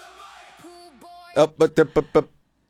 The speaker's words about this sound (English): And we thought it was rude, and we booed her. She did get booed by the team.